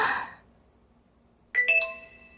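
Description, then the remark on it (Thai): A bright electronic notification chime plays a quick rising run of clear tones that ring out and sustain, following a brief burst of noise and a moment of near silence. “ฮึแจ้งเตือนเรื่องอะไรน่ะ”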